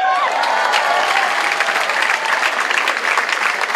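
A crowd applauds steadily, a dense, even wash of clapping that holds at a loud level for several seconds, with a few brief whistles or cheers rising at the start.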